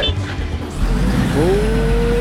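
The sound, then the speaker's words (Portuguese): A heavy truck engine, the Bom Dia Sul truck, rumbles loudly and steadily, and a rising squeal of braking comes in partway through and holds to the end. “Bom dia, aqui o caminhão do Bom Dia Sul, né?”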